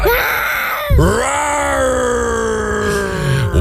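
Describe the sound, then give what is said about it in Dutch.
A person imitates a lion's roar, one of several roars sent in: a brief growl, then a long, loud, strained roar with rough harmonics that dips in pitch before holding steady, with no talking over it. “Ja, dit zijn een paar brullen die binnen zijn gekomen.”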